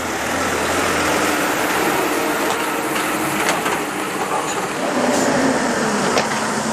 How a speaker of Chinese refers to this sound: 我刚才看那个卡车压过去的时候，这石子都飞起来了。我来看看这砖没事吧？